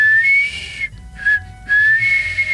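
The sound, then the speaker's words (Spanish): Clear melodic whistling: a few bright sustained notes that slide up and down in pitch, broken by two short pauses, with no talking. “La enhebró con fibras y le cosió la boca al zorro, dejándole solamente un agujerito chiquito por el que salía un lindísimo silbido.”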